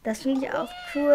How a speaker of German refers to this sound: Und sie kann auch miauen. Und sie schnurrt auch sehr viel. Die Katze bewegt sich, reagiert, schnurrt, miaut.